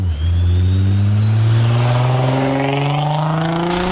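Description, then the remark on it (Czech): A car speeds along the main road through the town of Rožnov pod Radhoštěm, its loud engine accelerating hard with a steadily climbing pitch for about four seconds. A harsh, continuous roar with no voices. “Vysokou rychlostí tam projíždějí po hlavním tahu městem i zatáčkami v místní části Tylovice.”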